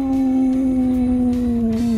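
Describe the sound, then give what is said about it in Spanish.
A person imitates a wolf howl with one long, steady, sustained vocal tone that dips slightly in pitch near the end, loud, with no words spoken. “no me sale, el aullido del lobo.”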